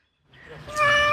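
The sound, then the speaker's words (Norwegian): A cat in Kyiv, Ukraine, gives one drawn-out meow, starting soft and swelling into a loud, strained cry before cutting off abruptly. No one speaks. “Denne katten og eieren hennes slapp unna med skrekken.”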